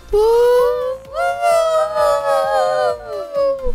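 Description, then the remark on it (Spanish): Several voices wail together in long, wavering tones that rise and fall like a siren, loud and sustained for a few seconds, with a howling, almost dog-like quality. “Parecemos sirenas.”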